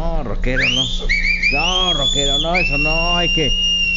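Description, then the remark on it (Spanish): A person whistles long, sliding high notes that rise and hold through most of the moment, loud, while voices talk and laugh underneath. “No le chiflen así, no sean ese rockero, ya ves que le encanta, ¿no?”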